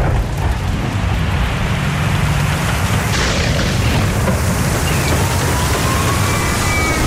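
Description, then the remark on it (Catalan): Heavy rain pours down steadily in a dense, loud hiss, with a low rumble underneath throughout and no voices. “Protecció Civil alerta de fortes pluges i recomana evitar desplaçaments innecessaris.”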